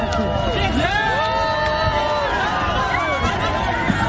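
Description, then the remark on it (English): A loud, dense outdoor crowd at Toronto's annual Pride Parade cheers and shouts continuously as the Prime Minister shakes hands with spectators, many overlapping voices rising and falling together, with no break in the noise. “here's some of the crowd cheering as Prime Minister Mark Carney shook hands with people watching the parade”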